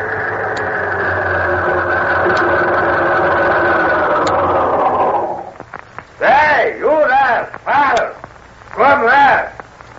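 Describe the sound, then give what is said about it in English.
A car engine runs with a steady, loud rumble for about five seconds, then cuts off, and several short bursts of voices follow. “Here comes trouble, fella. Yeah, plenty of trouble. Guess who's in that car?”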